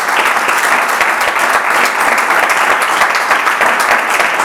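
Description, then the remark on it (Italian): Sustained applause from a sizable audience, dense overlapping claps filling the whole stretch at a steady, fairly loud level, with no voices standing out. “Un altro applauso, te lo facciamo.”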